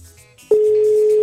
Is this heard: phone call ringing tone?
yes